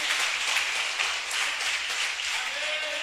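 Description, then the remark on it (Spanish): A church audience applauds Jesus together, a dense, steady wash of many hands clapping that holds at an even, fairly loud level for the full few seconds without pausing. “Denle un aplauso a Jesús.”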